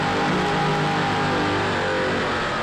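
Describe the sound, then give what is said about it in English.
Troy Dennis inboard racing boat engines slowing down after a B-Class race, a loud, steady droning roar with a buzzing harmonic tone over a dense wash of hissing noise, heard alone without any voices. “Now you can hear them slowing down. Those Troy Dennis inboards cranking down.”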